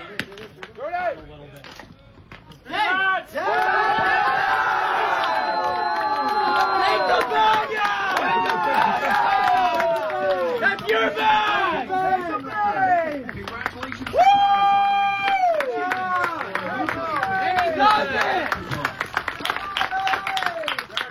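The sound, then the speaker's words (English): Teammates and some fans clap and cheer in the dugout at a baseball game in Swift Current after a player steals his 43rd base of the season, a new single-season record; many excited voices shout and whoop over a steady patter of applause that stays loud for about twenty seconds. “Big round of applause from his teammates and some of the fans in attendance as well.”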